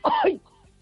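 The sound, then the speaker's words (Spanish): A single loud throat-clearing cough, harsh and rasping for about a third of a second, from a person whose thyroid problem makes them cough a lot, followed by near silence with only a faint trailing murmur. “que tengo mal la tiroides y me hace toser mucho.”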